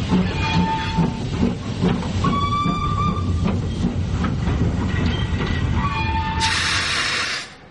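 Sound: train running on rails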